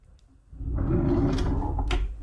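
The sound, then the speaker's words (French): A cutlery drawer slides open with a rumbling scrape, followed by metal cutlery such as knives and forks clinking and rattling inside it, fairly loud, with no voices. “Hop, on tire le tiroir. Et derrière, les petits couverts.”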